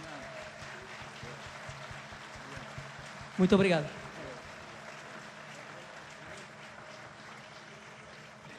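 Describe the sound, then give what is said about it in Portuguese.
Steady audience applause at a concert fills the whole clip as a dense, even wash of clapping for an accompanying group from Alentejo. Partway through, a man briefly speaks over it in a louder burst, then the clapping carries on. “Uma salva de palmas para estes senhores que fizeram o favor de me vir acompanhar àquilo que mais puro temos do nosso Alentejo, este grupo.”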